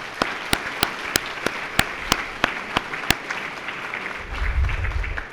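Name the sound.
audience applause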